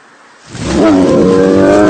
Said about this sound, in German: Ein Bär! Bleiben Sie ruhig! Bewegen Sie sich nicht! Er interessiert sich überhaupt nicht für uns.